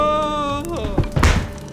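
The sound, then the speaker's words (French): Watson, a character in an audio drama, tumbles backwards, landing with a couple of heavy, dull thuds right after a held, buzzy tone slides downward and cuts off. “Watson tombe à la renverse.”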